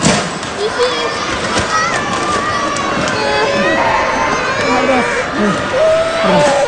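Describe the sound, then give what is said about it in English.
Items clatter and crash as they fall off shelves inside a retail warehouse at a shopping mall in Kumamoto during a 7.1 magnitude earthquake, while children cry and wail over a steady, loud din of agitated voices. “The sound of items falling off shelves and children crying inside a retail warehouse.”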